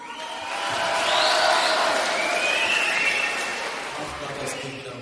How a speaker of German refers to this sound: und mit mir haben sich Unmengen von Schülern, besonders Schülerinnen, versammelt und klatschen schon wieder wie die Irren hier.